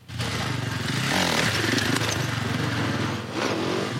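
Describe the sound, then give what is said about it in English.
A small, high-pitched supercross dirt bike engine revs loudly and continuously, its buzzing rasp rising and falling with throttle changes for several seconds, as World Supercross Championship riders put on a show in a Children's Hospital parking lot in Calgary. “Riders from the World Supercross Championship are in town and put on a show for the kids getting treatment at the Children's Hospital.”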